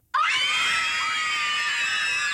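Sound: children screaming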